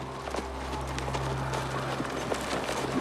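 Horse hooves clip-clop steadily and continuously at a moderate pace, clear, with a low steady hum beneath and no one speaking.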